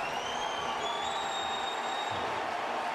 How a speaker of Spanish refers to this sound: Viene el cambio de Portland y es Valeri el que va a entrar por Van Rankin. Y escuchen este aplauso para Diego Valeri.